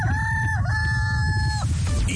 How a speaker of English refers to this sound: Can you hear that? What's that sound? It's the chickens coming home to roost!